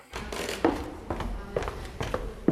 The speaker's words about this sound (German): Das alte Rathaus in der Marburger Oberstadt. Holzvertäfelte Wände, knarrende Dielen. Das Gebäude wirkt, als wäre die Zeit hier stehen geblieben.